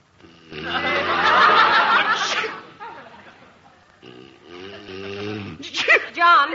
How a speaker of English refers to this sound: Gesundheit. Thanks.